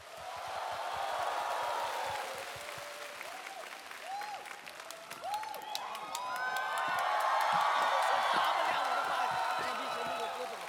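A crowd applauds steadily throughout, with scattered whoops and high cheers rising above the clapping and a louder swell of cheering toward the end.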